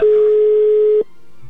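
A telephone ringback tone on an outgoing call to a man's wife's phone: one loud, steady electronic beep lasting about a second, then silence with faint line hiss. Nobody speaks.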